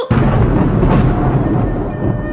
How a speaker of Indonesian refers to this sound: Tiba-tiba langit menjadi gelap. Badai bergemuruh, angin bertiup kencang.